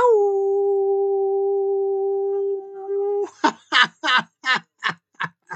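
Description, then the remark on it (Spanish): A long, steady howl holds one pitch for about three seconds, then breaks into a quick run of seven short, sharp yipping bursts that sound almost like laughter. “Y yo me despido, no sin antes, como les dije, enviarles todo mi agradecimiento y un gran aullido.”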